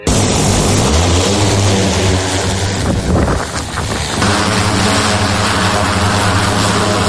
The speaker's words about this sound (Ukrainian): Так, да, зараз подав, я знову включили, зараз спробуємо. Полетіть. Буквально за 10 хвилин дрон у повітрі.